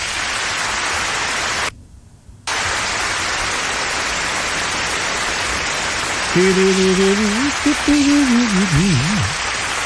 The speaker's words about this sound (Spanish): Oye, ya, pero no tan grande el aplauso, ya, no se me emocionen, ya.